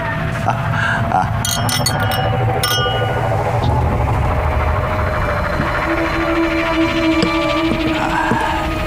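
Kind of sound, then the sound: household object, glasses clinking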